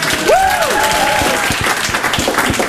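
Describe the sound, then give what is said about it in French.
A crowd applauds René, a supermarket's alcohol-aisle worker, steadily: a dense, even wash of clapping throughout, with a brief sliding whistle rising and falling near the start. “Donc je voudrais qu'on applaudisse tous René, parce que depuis que René est là, la consommation d'alcool a augmenté dans notre supermarché de 400%.”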